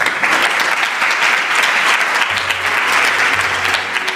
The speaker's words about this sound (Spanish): Ahí está el coro de ministros aplaudiendo.